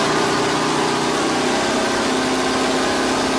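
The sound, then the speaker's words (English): A McLaren Can-Am race car engine idles steadily. It makes a loud, continuous throaty rumble with a faint mechanical buzz, holding an even pitch throughout with no voices. “I mean, it even sounds amazing just idling away, doesn't it?”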